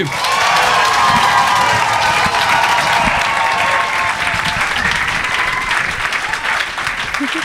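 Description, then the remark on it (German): Loud, sustained applause from a sizable audience welcoming a comedian onto the stage for her first performance, dense steady clapping with some cheering and whoops mixed in, lasting throughout without pause. “Klatscht sie mit einem 10-Punkte-Applaus hier nach oben.”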